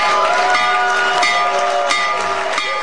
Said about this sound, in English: Ding, ding, ding, ding, ding, ding. Opening bell from the Oval Office. I believe that to be a first.